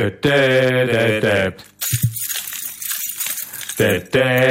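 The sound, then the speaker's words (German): A bunch of keys jangles and rattles for about two seconds, bright, shaken by the hosts as a rhythm cue for listeners during a sung song, set between two bursts of a loud, sustained tonal sound like singing or a held instrument note. “So, und immer wenn ihr unsere Schlüssel jetzt hört, dann macht ihr das mit Nudelpackungen.”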